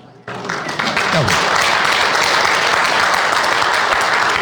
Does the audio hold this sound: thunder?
no